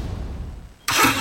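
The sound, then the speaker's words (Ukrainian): A low engine rumble idles briefly, then a sudden loud, roaring rev bursts in and holds for the final moments, forceful. “Газуємо!”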